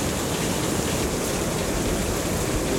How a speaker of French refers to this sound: Et le son presque guttural d'une cascade balayée par le vent retentit.